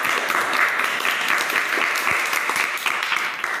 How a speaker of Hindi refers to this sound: फिर गांव वाले तालियां बजाने लगे और गांव वाले उन दोनों के लिए बहुत अच्छी अच्छी चीज़ें लाने लगे।